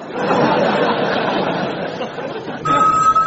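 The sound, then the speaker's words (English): A noisy murmur of chatter and light chuckling fills most of the moment, then a steady electronic telephone ring, the Invisible phone, abruptly starts near the end, clear and fairly loud. “Hey, it's the Invisible phone, Captain.”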